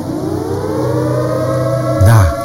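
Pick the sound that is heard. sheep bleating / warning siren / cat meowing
warning siren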